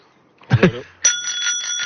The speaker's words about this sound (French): Hey, je suis là. C'était juste pour vous montrer qu'on a de magnifiques petites sonnettes ici à vous offrir. On en a offert quelques-unes sur le parcours.